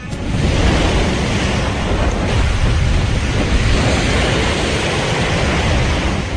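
Strong wind and high waves from the ponente-maestral direction pound steadily against a ship's bow, a loud, continuous roar of surf and gusting wind with dense rumbling low end and no voices.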